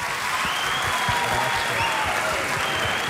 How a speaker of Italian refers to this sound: Vi ho fatto fare una galoppata con i tempi radiofonici, siete stati tutti bravissimi, soprattutto voi ragazzi, un applauso a voi.